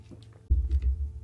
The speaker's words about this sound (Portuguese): Vamos tomar um pouquinho de água aqui